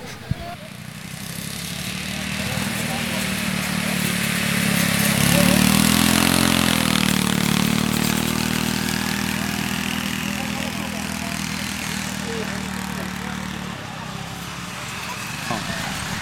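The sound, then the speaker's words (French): Ride-on lawn mower tractor engines run steadily, a continuous droning hum that swells and revs higher midway before settling back, over a wash of outdoor background noise. “Bonjour, vous avez essayé les tracteurs tondeuses ?”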